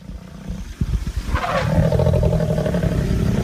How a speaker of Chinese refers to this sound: 他们专注地看着某样东西。两只母狮显得很不安，不断发出低吼。